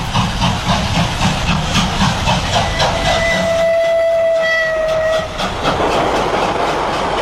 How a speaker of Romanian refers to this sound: Trenul s-a pus în mișcare. Casele și copacii se îndepărtează.